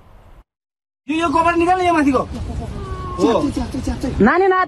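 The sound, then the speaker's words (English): A five-year-old girl trapped beneath wreckage, mud and debris between two battered buildings in Nepal cries out in loud, wavering wails: several drawn-out bursts with rising and falling pitch, strained, following a brief quiet moment at the start. “At first, rescuers thought the faint cries coming from beneath the wreckage might be a cat.”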